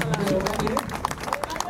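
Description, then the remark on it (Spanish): A crowd claps together in a steady patter of overlapping hand claps, moderately loud, with murmuring voices mixed in underneath. “Fuerte, ese aplauso.”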